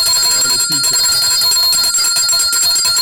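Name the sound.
bell ringing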